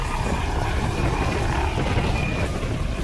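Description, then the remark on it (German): An intensive care transport helicopter of the air rescue service, known as Christoph Dortmund and stationed at Dortmund Airport, flies overhead: steady, loud rotor chop with a dense engine roar that holds constant for the full few seconds, with no voices. “Am Flughafen Dortmund ist ein Intensivtransporthubschrauber der Luftrettung stationiert.”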